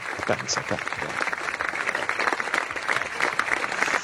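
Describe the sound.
Steady, dense clapping, given on RBN Radio Bianconera for a departing tennis commentator, runs for about four seconds at an even level, with a faint murmur of voices mixed into the applause.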